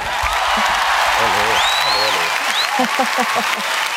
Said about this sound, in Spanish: Ovación para la creadora de nuestra nueva sintonía.